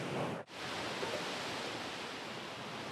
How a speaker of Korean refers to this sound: 조금 무서울 정도로 파도가 부는데요?